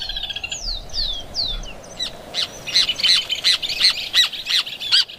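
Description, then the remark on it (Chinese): Loud bird calls from a nesting pair of birds at their newly finished clay nest in a tree: a few falling whistled notes, then a fast, steady series of harsh, squawking chatter calls repeated about eight times, with no talking. “这座建筑的落成典礼在响亮的鸟鸣声中宣告开始。”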